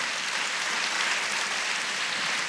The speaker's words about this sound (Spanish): Eso merece un aplauso, ¿verdad? ¿Sí?